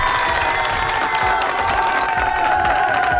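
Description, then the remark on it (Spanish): A large crowd applauding and cheering loudly and continuously, a dense wash of clapping with whoops and shouts mixed in, filling the whole short stretch. “Un fuerte aplauso para todos los que votaron por esta canción.”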